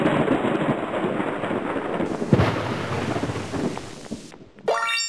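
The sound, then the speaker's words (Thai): Thunder rolls and rumbles through a storm with steady rain, one sharper crack standing out midway, ending with a brief bright tonal sweep. No one speaks. “เมื่อเราได้ยินเสียงดังแบบนี ้เราก็รู้ทันทีว่าข้างนอกนั้นมีพายุฝนฟ้าคะนอง”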